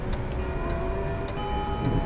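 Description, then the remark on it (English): A grandfather clock ticks slowly and evenly, about four soft ticks, over a steady low droning hum, with no voices. “Now, to find that grandfather clock.”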